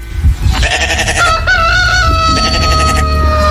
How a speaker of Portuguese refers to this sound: O galo cantou.